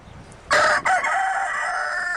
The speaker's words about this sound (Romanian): Bun, la ce vă gândiți? La cocoș. Bun, e un cocoș evident asta, dar la ce te gândești?